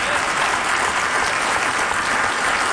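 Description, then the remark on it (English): An audience applauds during a speech, a dense, even wash of many hands clapping steadily that holds at a constant loud level for the whole few seconds, with no voices heard over it. “We applaud, but in all reality, folks, this is not a dramatic announcement.”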